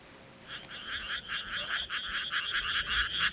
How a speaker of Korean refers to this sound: 건물들 뒤로 펼쳐진 논에서 개구리가 울어댔다.